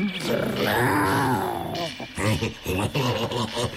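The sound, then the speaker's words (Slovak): A sustained, rumbling growl from a female animal that is sneaking about fills the first couple of seconds, fairly loud, then gives way to a person talking. “Ona tuším vrčí.”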